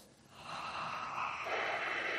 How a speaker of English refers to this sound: I hear a lot of heavy breathing, but nobody able to come up with the name Alan Moore.